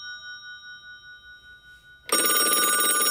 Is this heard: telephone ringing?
yes